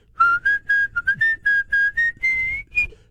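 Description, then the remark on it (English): A person whistles the short, clear melody of a song, about a dozen distinct notes in a bouncy rhythm, fairly loud, with no talking over it. “It's the song that taught me to whistle.”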